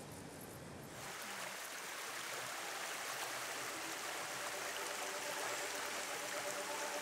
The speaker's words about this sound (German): Im Stadtpark von Wegberg wieder ein Wasserblick. Die entsprechende Internetseite sagt, hier fließt die Schwalm, die man vor einigen Jahren naturnah umgestaltet hat.